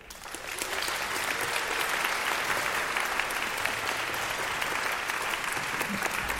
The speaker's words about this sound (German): Wie sagt man so schön im Zirkus? Kein Applaus ohne Auftritt und vor allem kein Auftritt ohne Applaus.